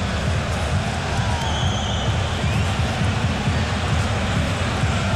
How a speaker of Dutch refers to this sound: Het gefluit dat u hoort is omdat Fortuna van kant heeft gewisseld. Groningen dus de eerste helft richting de eigen fanatieke aanhang.